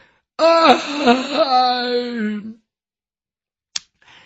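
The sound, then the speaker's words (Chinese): A man's voice imitates a long, drawn-out yawn lasting about two seconds, rising and then sliding down in pitch, followed by silence and a brief sharp click, voicing the character Yang Zhong as he climbs up from the ground, stretches and yawns. “一会儿的功夫，这杨忠眼睛睁开了，由打地下爬起来，伸了个懒腰，打了个哈欠。”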